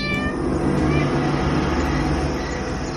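A cat yowls in a drawn-out, wavering courting caterwaul to a female cat by moonlight, loud, set against a steady, dense rumble of background noise.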